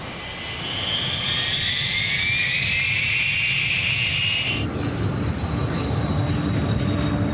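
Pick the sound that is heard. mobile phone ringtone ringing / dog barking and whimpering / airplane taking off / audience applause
airplane taking off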